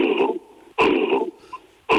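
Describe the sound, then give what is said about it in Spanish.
A person imitates an angry gorilla's cough with harsh, gruff bursts: a sharp one, a longer rough one, then another abrupt burst at the end, fairly loud with brief gaps between. “O sea, los gorilas hacen una tos, te hacen un...”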